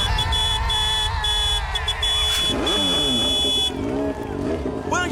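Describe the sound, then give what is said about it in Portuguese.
A brand-new motorcycle from a Band FM radio giveaway revs loudly, its engine pitch surging and dipping through several throttle blips as it accelerates, with a steady high whine running beneath it. “Agora olha só quem tá chegando. É, ela tá acelerando por aqui.”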